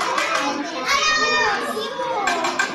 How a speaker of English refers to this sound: This includes the lunch served to this group of kindergartners you're listening to now. They're eating fried chicken, rice, tempeh, mixed vegetables, and watermelon.